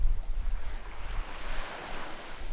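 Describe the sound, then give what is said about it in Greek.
Steady surf washing in along a beach shoreline, a continuous broad hiss of breaking water with low wind rumble underneath, moderately loud, with no voices. “Παραλία, σιροπόταμος. Σαν ιδιωτική πισίνα.”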